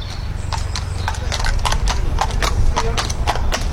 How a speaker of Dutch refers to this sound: De paarden worden hier opgezadeld. De honden, bloodhounds, worden uit hun kennel gelaten. Het Old Surrey & Burstow jachtgezelschap in Kent maakt zich klaar voor een trailhunt.